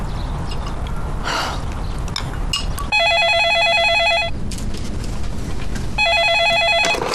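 A telephone rings in two loud, trilling bursts, each lasting over a second with a pause between, its bright electronic tone rising over a low, steady background hum.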